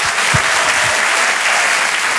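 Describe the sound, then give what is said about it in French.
Loud, sustained applause from a large comedy club audience welcoming a comedian onto the stage, a dense wash of clapping without pause, with no one speaking over it. “Un tonnerre d'applaudissements, s'il vous plaît, pour Geoffrey Verbruggen.”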